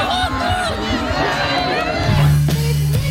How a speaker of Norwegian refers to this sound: Det var fest på Rådhusplassen i Narvik i dag, med tusener av frammøtte og jubel for den nye kongen.